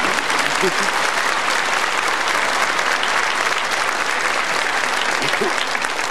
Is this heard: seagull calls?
no